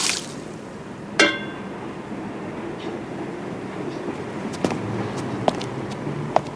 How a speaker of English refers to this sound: Outside at night, Seymour empties water from tin flower containers.